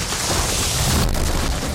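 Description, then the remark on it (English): A tree that a yard worker was cutting down crashes onto a car, producing a loud, dense crunching roar with a deep booming low end that sustains for under two seconds, with no voices. “My yard guy said he could cut down this tree, but now I've got a tree on my car.”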